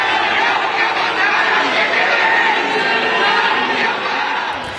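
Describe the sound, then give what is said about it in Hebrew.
At Seoul airport, a large crowd boos and jeers the returning South Korean national football team, a dense wash of many voices that holds steady for several seconds before easing slightly at the end. “עם קריאות בוז וחס, אוחזים בשלטים שמציגים את המאמן כפינוקיו עם אף מעוות וארוך, ואומרים, תחזיר את הכסף ותסתלק, דורשים פירוק מוחלט של התאחדות הכדורגל הדרום קוריאנית.”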